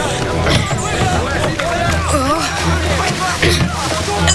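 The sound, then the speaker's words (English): Oars splash and slosh through water in repeated strokes as a boat is rowed across a river in thick fog, set against a busy backdrop of voices and continuous background sound. “Row as fast as you can until you get to the other side of the river.”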